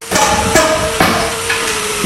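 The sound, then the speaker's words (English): Hammers pound steadily as volunteers build a new home in northern Saskatchewan for a family who lost theirs in a wildfire: about five sharp, ringing blows landing at a regular rhythm over a constant background hiss. The strikes are loud, with no talking. “The sound of hammers is replacing the silence left behind last year's devastating wildfire in Daenerys Beach.”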